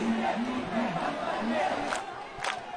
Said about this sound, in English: Crowds chant, "Where does the vote theft happen?" In the office of the BJP.